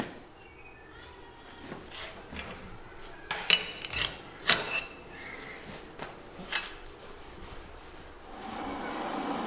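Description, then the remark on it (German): 6 mm thick steel rods being bent by hand using only muscle power and leverage: a few sharp metallic clinks and knocks with scraping and rubbing between them, moderately loud, over a steady background hum. “Die 6 mm dicken Stahlstangen biegt Klaus allein mit Muskel- und Hebelkraft.”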